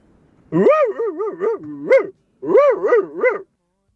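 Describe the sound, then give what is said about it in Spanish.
A person imitates a dog barking, with two loud runs of quick, wavering yelp-like barks separated by a short pause, the second run three barks long. “Participo por la cenita al caro Pepe. Acá te va mi ladrido.”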